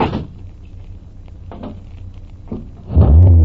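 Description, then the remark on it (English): A thud and a few clicks over a low rumble, then a car engine roars to life near the end, revving loudly, as the car is started at night to back out of a driveway. “Hey, take it easy, Rafe. You want Pop to hear? Relax, son. We'll just back out of the drive nice and slow.”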